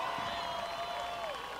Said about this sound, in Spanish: Fuerte aplauso.